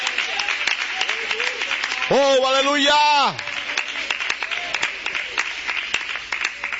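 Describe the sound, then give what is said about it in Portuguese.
An audience applauds the name of Jesus Christ with steady, dense clapping throughout, while a man's voice rises loudly over it for about a second with a drawn-out exclamation. “Pode aplaudir o nome de Jesus Cristo.”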